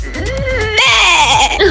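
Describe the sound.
A person from NRW imitates a sheep's bleat in a voice message: one drawn-out, wavering, nasal "baa" that jumps to a brighter, strained pitch halfway through, loud and alone for under two seconds.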